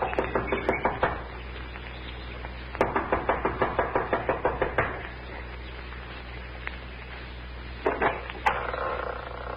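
A young woman knocks rapidly and impatiently on the wooden front door of a small mountain lodge, in several quick bursts of sharp raps, fairly loud, with short pauses between flurries and no talking.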